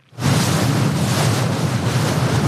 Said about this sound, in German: An diesem Morgen ist das Meer grau. Der Wind hat die Wellen aufgepeitscht. Das Lotsenboot der schwedischen Schifffahrtsbehörde hat gerade den Hafen von Helsingborg verlassen.